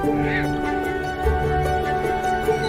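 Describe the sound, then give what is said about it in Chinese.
A dense chorus of migratory waterbirds honking and calling together at Dali Nor Lake in Inner Mongolia, a stopover on bird migration routes, steady and fairly loud throughout, with overlapping nasal calls forming a continuous flock din. “洄游的华子鱼和远来的候鸟在这里不期而遇，于是一场属于候鸟的饕餮盛宴开始了。”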